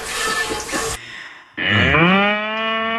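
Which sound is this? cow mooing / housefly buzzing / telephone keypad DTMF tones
cow mooing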